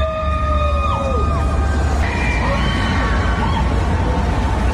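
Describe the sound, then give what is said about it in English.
A loud crowd of fans in Times Square, New York, cheers and screams continuously at a news reveal on a big billboard, with high, wavering shrieks gliding up and down over a dense roar of voices and street noise, and a car honk at the end. “And the news was revealed pretty much around the world at the same time, including on a big billboard in Times Square in New York, very much to cheers from fans.”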